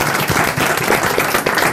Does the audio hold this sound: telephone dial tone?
no